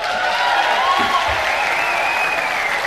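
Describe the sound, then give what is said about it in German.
Steady, dense applause from a sizable audience welcoming a guest, a continuous wash of clapping at an even level throughout, with no voices standing out. “Begrüße Sie mit warmem Applaus Tom!”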